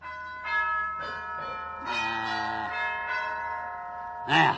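A wall-mounted doorbell gong box rings out in a series of uneven strikes as its push button is tried, each bright metallic tone lingering and overlapping the next, ending with a sharper, louder clang.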